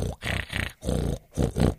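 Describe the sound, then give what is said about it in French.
A voice imitates loud snoring in a series of four rough, rumbling bursts, each a guttural, growl-like breath separated by brief pauses, with no other talking. “Est-ce que vous arrivez à faire ronfler tout ça?”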